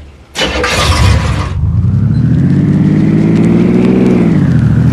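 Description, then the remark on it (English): A car engine roars to life with a loud, gritty burst, then revs steadily higher as the vehicle pulls away to make a pickup, its droning pitch climbing and settling. Loud, with no voices. “He wanted me to use my car to make a pickup.”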